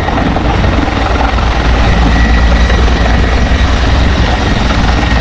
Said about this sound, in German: Gerade ganz oben am Berg muss natürlich per Hubschrauber aus der Luft gelöscht werden.